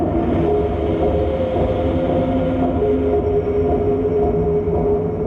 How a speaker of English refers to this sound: They have more than 20 noisy tunnels, including 4 under the ocean. They even have a tunnel radio station which plays these eerie sounds as you head into the depths.